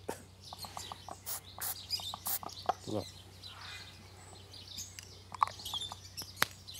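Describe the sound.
Birds chirp in quick, scattered bursts of sharp high tweets and clucky calls, with a low steady hum underneath and a brief spoken word.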